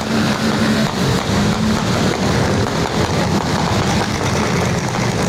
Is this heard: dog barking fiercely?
no